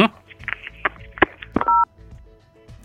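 Electronic telephone tones sound as a caller's phone call to a show cuts off: a steady two-pitch beep holds for a moment, surrounded by brief clicks and background chatter.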